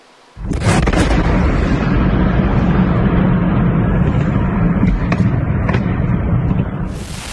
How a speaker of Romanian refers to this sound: Aceasta a fost așadar explozia, iar incendiul care a urmat s-a extins la clădirile din vecinătate.